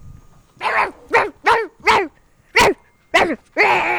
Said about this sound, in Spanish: igual aparecen ladridos por aquí.